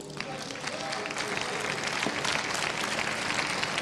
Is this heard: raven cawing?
no